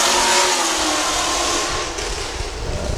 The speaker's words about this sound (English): had to drive by and race their motor while all the folks are gathered